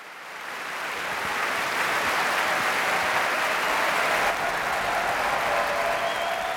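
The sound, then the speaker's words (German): Sustained, dense applause from a large audience at the BBC Proms in the Royal Albert Hall, London, after the Orquesta Nacional de España under David Afkham played Manuel de Falla's Three-Cornered Hat suites: a steady roar of many hands clapping that swells in the first second and holds strong, with faint cheering mixed in. “Und Sie hören es, ein derart begeistertes Publikum, das ist typisch für die BBC Proms, die Promenade Concerts, die jeden Sommer in der Royal Albert Hall in London stattfinden.”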